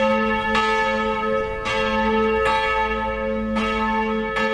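The 650-kilogram Lord's Prayer bell of the church in Bebenhausen tolls loudly for vespers, heard outdoors, struck about once a second, each stroke blooming into a deep, sustained ringing hum that carries over into the next. No voices.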